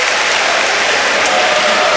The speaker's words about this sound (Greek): Ο Ντόρσεϊ χάνει τη βολή. Είναι εγκρισμένος μάλιστα, χτυπάει και την μπάλα στο παρκέ. Ο κόσμος τον χειροκροτεί για να τον ενθαρρύνει.